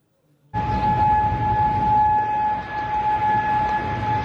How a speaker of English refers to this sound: Now, the claim comes as sirens were heard across Kuwait City.